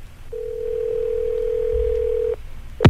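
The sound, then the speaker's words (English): A single ringback tone on an outgoing radio call to Pensacola for the weekly Top 40 Challenge: one steady, fairly loud buzzing ring lasting about two seconds, then a short pause and a sharp click as the call is picked up. “It's ringing right now in Pensacola.”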